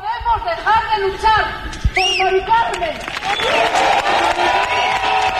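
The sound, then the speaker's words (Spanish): A crowd calls out with raised, cheering voices, then dense applause builds and continues steadily and loudly, with voices still mixed in beneath the clapping, on a night of tribute to Mari Carmen in the Puerta del Sol. “Aplausos y noche de homenaje por Mari Carmen.”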